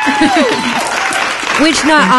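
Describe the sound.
A loud burst of crowd applause, dense and steady for about two seconds, with rising and falling voices cheering over the clapping.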